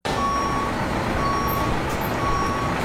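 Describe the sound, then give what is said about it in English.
A forklift's reversing alarm sounds three steady, mid-pitched beeps about a second apart, each held for half a second, over a constant loud rumble of engine noise. “And nothing's got muscle like a forklift.”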